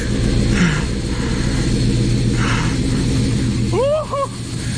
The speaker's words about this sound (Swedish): I got out of bed at 4:30 this morning as I heard that there was a really rare train coming through Shawford station. It's a class 56 and it's due through here in a moment.